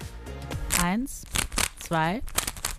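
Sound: rubik's cube being twisted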